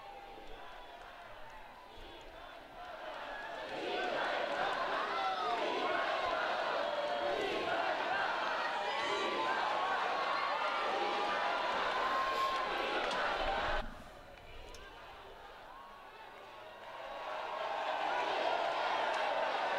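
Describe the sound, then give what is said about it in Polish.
A large crowd shouts and chants "Viva il Papa" as Pope Leo XIV arrives at a meeting, in an excited, overlapping roar of many voices, swelling loud for several seconds, dipping briefly, then rising again. “Słyszymy właśnie krzyki Viva il Papa.”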